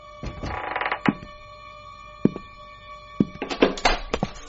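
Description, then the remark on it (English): The lock of a door to a hall being picked with a lockpick: irregular sharp metallic clicks and taps mixed with short bursts of scraping and rattling, over a faint steady hum, with no voices. “Somebody's trying to jimmy the door to the hall.”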